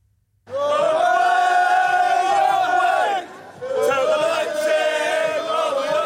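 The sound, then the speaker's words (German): A large crowd of football fans sings loudly together in Leipzig in front of the oversized Conference League trophy on the day of the Conference League final, a sustained, harmonious chant in two long phrases with a brief dip between them. “Kleine Gesangseinlage vor dem übergroßen Conference League Pokal.”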